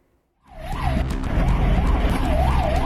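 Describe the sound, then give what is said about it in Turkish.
An ambulance in India rushing an elderly patient to hospital wails its siren in repeating rising-and-falling sweeps, loud, over a heavy rumble of engine and road noise, starting abruptly after a brief silence. “Sirenler susmuyor, hasta sedyede can çekişiyordu.”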